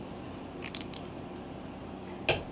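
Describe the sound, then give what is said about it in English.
A steady, low background hum and hiss of an air conditioner blowing in a studio runs throughout, with a few faint clicks and one sharp knock near the end on top of it. “I can hear the air conditioner blowing in the back.”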